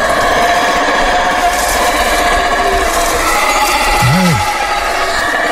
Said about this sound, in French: Pour le découvrir, il faut s'enfoncer dans la jungle, puisque cet animal, c'est un singe. L'alouate, plus connu sous le nom de singe hurleur.